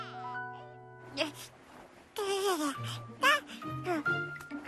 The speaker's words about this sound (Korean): 무슨 소리지? 인형이 우는 건 아닌데. 그럼 이 소리는 어디서 나는 거지? 어? 1층에서 아기 소리가 나네.